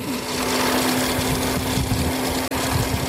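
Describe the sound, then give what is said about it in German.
An electric motorcycle taxi, ordered through an app, whirs steadily down a street in Kampala, its motor giving off a continuous humming whine over broad road noise, with one brief break near the end and no voices. “Wenige Minuten später surrt ein elektrisch betriebenes Motorrad die Straße hinunter.”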